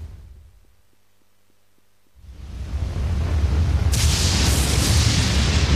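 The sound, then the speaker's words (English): After a quiet stretch of low hum with faint ticks, deep thunder from a thunderstorm rumbles in, swelling to a loud, sustained roar, with a bright hissing wash joining partway through. No voices. “The roaring drumbeat of thunderstorms, the continuous crackling bursts and flashes of lightning, again and again, the nerve-wracking sounds of heavy rains”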